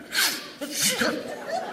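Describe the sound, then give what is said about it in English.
Two sharp, breathy sneezes in quick succession from an allergic man, fairly loud, each a burst of air with a brief voiced edge, followed by a short vocal trailing sound. “Bless you.”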